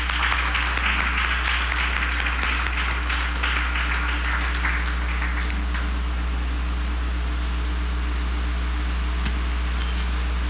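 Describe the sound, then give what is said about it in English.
An audience breaks into steady, dense applause that stays strong for several seconds, then thins and fades out, leaving a constant low electrical hum underneath. “Ladies and gentlemen, let us show our love and appreciation to Mr. Jadu with a lusty round of applause.”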